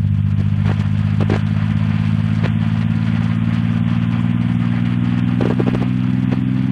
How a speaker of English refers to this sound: We're hearing gravitational waves. They're the ripples in space-time made by a black hole's tremendous mass. MIT professor Scott Hughes converted the gravitational waves into sound. As we move toward the center of the black hole, the pitch rises.